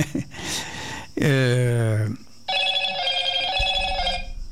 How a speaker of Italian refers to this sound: Uno squillo e un ascoltatore. Uno squillo. Sì, ma non abbiamo mai sentito lo squillo.